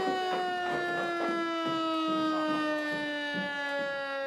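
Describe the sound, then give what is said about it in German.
A civil defense siren test alarm sounds continuously at 12 noon, a loud steady wailing tone with a strong harmonic series that slowly sinks in pitch, overlaid by faint irregular knocking or clatter. “Ja, 12 Uhr. Pro Alarm.”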